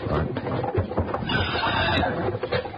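Horses whinny amid a steady, busy clatter of hooves, fairly loud, with a dense rumble of activity and faint voices mixed underneath.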